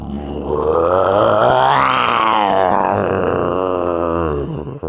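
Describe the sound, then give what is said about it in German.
A person imitates a lion's roar with one long, loud, growling vocal sound lasting several seconds, rising in pitch toward the middle before sinking and trailing off. “Kannst du einen Löwen nachmachen? Ich kann's mal versuchen.”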